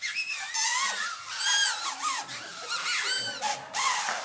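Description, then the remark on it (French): Several shrill, warbling homemade paper whistles blown at once by a group, overlapping tones sliding up and down in a dense, reedy chorus that swells and dips over a few seconds. “Puis-je entendre un sifflet pour ceux qui ont reçu leur sifflet ?”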